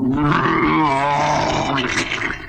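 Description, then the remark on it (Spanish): A huge whale from the Pinocchio story, rising out of the sea, lets out a deep, loud roaring bellow, one sustained groaning call of about two seconds with a rough, warbling tone, alone without any talk. “Era una enorme ballena que se tragó al pobre Gepetto con barca y todo.”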